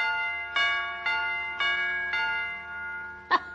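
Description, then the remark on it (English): Four evenly spaced metallic chime strikes ring out with sustained harmonic tones, followed by a quicker, sharper strike near the end, as the two small hammers of an electric doorbell smack its tuned chime pipes. “When the electric scissors hits the whatchamadingus coil, the little hammer's supposed to smack the chime pipe.”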